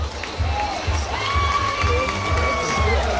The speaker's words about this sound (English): Crowd giving him a round of applause and a hat tip, and it's worth it.